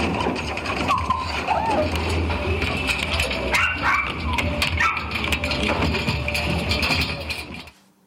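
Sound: puppies whimpering and barking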